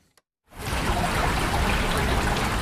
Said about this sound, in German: Friedlich plätschert die Erft mitten durch die Altstadt von Bad Münstereifel. Wände aus grauem Naturstein leiten den Fluss in sein kanalisiertes Bett.